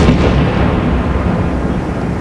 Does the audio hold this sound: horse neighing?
no